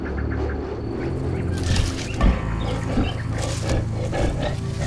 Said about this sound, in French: Quoi ? Mais, ma foi, un lion !